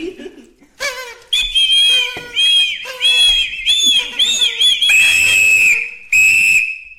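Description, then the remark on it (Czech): A party blower toy is blown repeatedly in short reedy toots, some wavering and warbling, others held as steady high buzzing tones, with brief gaps between bursts. “Je to mluvící, rozvinovací a zavinovací jazyk. Zkus ho. Na co to je? Strč to do pusy a foukni do toho.”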